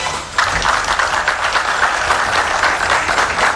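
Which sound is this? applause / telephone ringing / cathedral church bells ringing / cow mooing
applause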